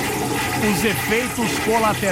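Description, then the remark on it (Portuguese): A toilet flushes with a steady, rushing gush of water that fills the whole moment, while voices talk and murmur over the top of it. “Quem nunca usou o reservado, quem nunca foi ao WC, quem nunca foi ao restroom, eu fui, estava apertadíssimo.”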